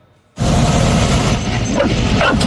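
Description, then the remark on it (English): Several dogs bark and yip excitedly at once after a brief quiet moment, a loud, dense chorus of overlapping barks on a dog bus in West Fargo, North Dakota, that continues without pause. “But in West Fargo, North Dakota, there's one bus where all dogs are welcome.”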